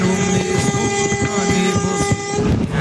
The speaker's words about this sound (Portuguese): a Band FM que faz um buzinaço desse